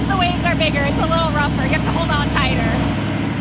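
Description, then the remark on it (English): A steady, loud engine drone rumbles throughout as an amphibious vehicle drives off a beach, past a pier and vacation homes, into the surf and motors along in the water as a boat, with voices talking over the continuous hum. “We drive past a pier, giant vacation homes, and some curious beach strollers, and into the surf. Now we're a boat.”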